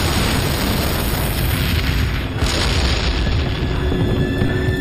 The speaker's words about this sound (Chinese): 我们趁苏军不备溜出坦克，偷偷摸到苏军的坦克边上，将炸药包安在2辆 T-34 坦克上，然后赶紧离开躲起来。爆炸声响彻夜空，紧接着我们又把2个炸药包安在其他 T-34 坦克上。